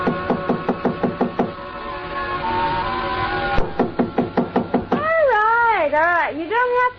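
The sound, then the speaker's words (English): Two bursts of rapid, firm knocking on the door of a hotel suite on the 9th floor, about a dozen sharp raps each, fairly loud, over a steady tonal backdrop that rises into wavering, gliding tones near the end. “So I tried knocking.”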